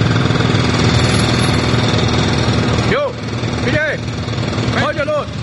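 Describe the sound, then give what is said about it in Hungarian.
Loud, steady construction machinery drones and rattles throughout at an office building construction site, a dense engine-like roar, with a few brief shouted voices of workers cutting through near the end. “személyesíti meg az építkezésen dolgozókat, akiket egy ott felejtett mikrofon segítségével hallhatunk.”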